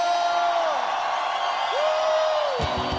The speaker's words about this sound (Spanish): Dale fuerte ese aplauso si estás alegre. Un grito de júbilo.